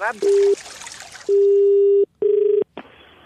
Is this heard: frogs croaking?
no